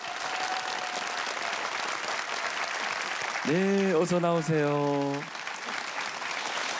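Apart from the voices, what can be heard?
audience applause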